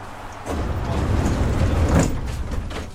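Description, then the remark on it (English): Metro train sliding doors rumble and clatter shut over a low mechanical hum, with a soft thump near the start and a louder clunk as they close, on a train whose next station is Livoberezhna. No one speaks. “Обережно, двері зачиняються. Doors are closing.”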